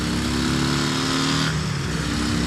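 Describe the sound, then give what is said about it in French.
A loud drag racing motorcycle engine roars steadily, then its pitch shifts partway through as it revs, the heavy mechanical drone filling the whole moment with no voices. “Bon, maintenant, et ce morceau là, son moteur de drague, on va voir un peu ce qu'il a dans le ventre.”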